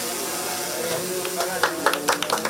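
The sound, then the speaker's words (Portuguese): A drone's steady, hissy mechanical buzz hums throughout as it films a person on a rooftop slab in the Rocinha favela, Brazil, for a video. In the second half, several sharp claps break in at an uneven rhythm over it. “O zumbido e as palmas são para mais um vídeo cuja receita conquistou o mundo.”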